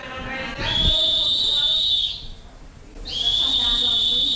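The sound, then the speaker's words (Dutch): A school evacuation alarm at a school in Acapulco, Mexico, sounds during an evacuation drill as teachers leave the classrooms one by one: two long, steady, shrill tones, each lasting over a second, separated by a brief gap, loud over a faint murmur of background noise. “De alarmsignaal klinkt en de leraren gaan één voor één de lokalen uit.”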